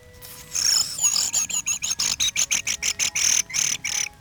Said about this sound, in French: C'est des grives. C'est grives.